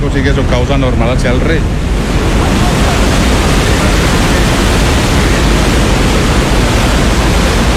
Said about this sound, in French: Une fois utilisée, l'eau doit être évacuée. Après être passée dans la turbine, elle arrive ici, dans ce bassin de sortie qu'on appelle l'Almenara. Et de là, elle repart naturellement vers la rivière.